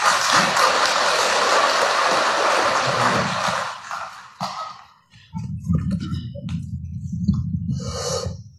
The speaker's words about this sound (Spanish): Bueno, vamos también a escuchar las palabras del hermano presidente Evo Morales, ¿no? Recibamos con fuerte aplauso, compañeros.